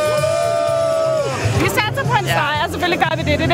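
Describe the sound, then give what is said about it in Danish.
A crowd of Danish football fans, arrived in Norway on the Oslo ferry that morning, cheers and shouts together. A sustained rising whoop gives way to overlapping excited voices and chanting, loud and continuous throughout. “Og hvis du, ligesom mig, har brug for at få noget af entusiasmen tilbage, så kan nogle af de danske fans, der her til formiddag er ankommet til Norge med Oslofærgen, helt sikkert også hjælpe dig.”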